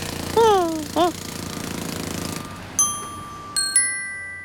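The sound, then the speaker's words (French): A jackhammer rattles steadily, digging into the ground in a city, for a couple of seconds, with two quick swooping tonal cries over it early on, then it stops and a few bright chime-like tones ring out. “Ce sont les marteaux-piqueurs qui creusent le sol, qui te donnent l'impression que la terre tremble.”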